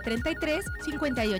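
A short electronic telephone ringtone melody with bright, repeating tones and gliding pitches, fairly loud, played alone without any talking.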